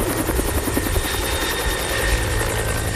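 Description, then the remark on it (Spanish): A helicopter flying, its rotor beating in a steady rapid chop over a loud, continuous engine roar and whine that holds for the whole stretch, with no voices. “Tú ni lo oyes al helicóptero cuando ya te aventó el misil.”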